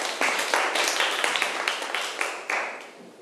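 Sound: classroom clapping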